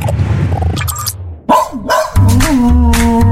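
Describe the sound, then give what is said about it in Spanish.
A dog barks loudly, a couple of sharp, harmonic barks after a stretch of rough, noisy sound, with no one talking. “Si tienes un perro, cachorro o adulto y has notado que tira mucho de la correa, que no te obedece, ladra de forma compulsiva o se relaciona mal con otros perros, no te preocupes.”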